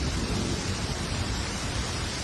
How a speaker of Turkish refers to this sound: Başkentte gök gürültülü sağanak, kentte günlük yaşamı etkiledi. Bazı noktalarda etkisini artıran sağanak nedeniyle cadde ve sokaklar göle döndü.